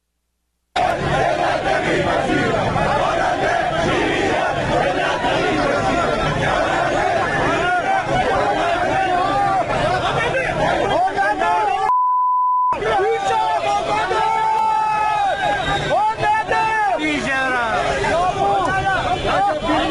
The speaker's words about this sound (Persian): تصاویر رسیده به ایران اینترنشنال از دومین روز تجمعات اعتراضی مال باختگان پرونده های واردات خودروهای سنگین حکایت میکند